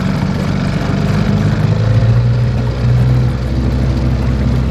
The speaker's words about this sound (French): Quelques minutes en canot à moteur et nous voilà déjà à bord, sur le fleuve, dans un autre monde.